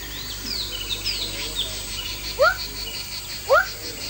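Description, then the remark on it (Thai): A Rana glandulosa frog, locally called the water dog for its bark-like call, gives two short, sharp calls about a second apart, each a quick rising yelp that sounds a little like a dog, over a steady background of faint insect and bird chirping. “เขียดวักตัวผู้จะมีถุงลมที่ใช้ในการร้องเรียกคู่อยู่2ถุงด้านข้างลำคอและด้วยเหตุที่เสียงร้องของสัตว์ชนิดนี้มีความคล้ายคลึงกับเสียงเห่าของสุนัขชาวบ้านจึงเรียกเขียดวักในอีกชื่อหนึ่งว่าหมาน้ำ”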